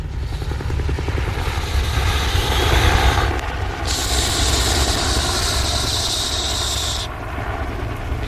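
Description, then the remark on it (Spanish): A helicopter being maneuvered drones steadily, its low rotor thump and engine whine continuous throughout, with a brighter high-pitched turbine hiss swelling in the second half. “Maniobra el helicóptero realizando al mismo tiempo ejercicios de respiración profunda.”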